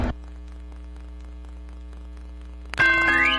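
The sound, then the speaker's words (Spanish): A low steady hum with faint scattered ticks, then near the end a single loud, bright bell strike rings out with shimmering metallic overtones. No one speaks. “Las campanas ya están sonando porque llega el convento donde nadie reza, pero todos se ríen.”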